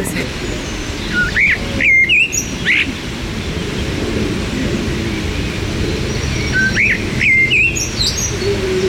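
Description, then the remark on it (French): A blackcap warbler sings two short bursts of rich, fluting, warbled phrases a few seconds apart, clear against a steady rushing outdoor background. “Il y avait la fauvette à tête noire là sur le côté.”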